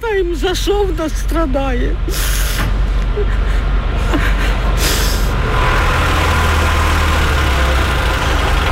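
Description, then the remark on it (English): A heavy fire truck engine rumbles steadily and loudly, with short hissing bursts like air brakes, as firemen winch a mangled car off a street in Kyiv, Ukraine; a voice speaks briefly at the start over the mechanical drone. “And as firemen winched her mangled car off the street, dust and anxiety remained in the air.”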